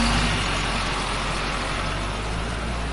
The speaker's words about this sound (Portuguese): Que caminhão silencioso.